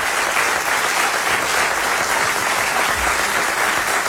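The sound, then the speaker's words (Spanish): Steady, dense applause from an audience, a continuous wash of many hands clapping at even loudness throughout, with no voices standing out. “Aplauso”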